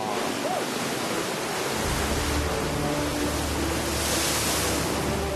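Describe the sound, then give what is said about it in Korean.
A steady roar of white surf washing and breaking on a coast of black hardened lava, formed by a volcanic eruption in the 1730s, broad and continuous with a slight swell in intensity midway, with no voices. “검게 굳은 용암과 푸른 바다, 그리고 하얀 파도.”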